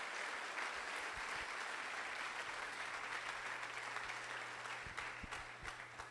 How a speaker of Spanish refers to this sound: Y alabe a Jesús con ese aplauso fuerte, por favor.